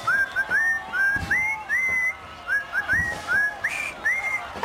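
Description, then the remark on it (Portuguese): A person whistles the Happy Birthday tune solo for the anniversary of the show Portugalex, clear, the melody moving in short rising and sliding notes with brief breaths between phrases. “Então vou assobiar os parabéns ao Portugalex, faz os anos.”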